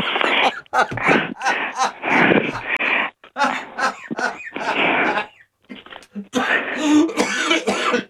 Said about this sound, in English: Don't make me cough.